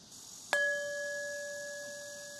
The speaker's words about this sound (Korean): 이 종소리에 온 신경을 집중하고 이 종소리가 사라지는 거에 집중해보세요. 사라질 때.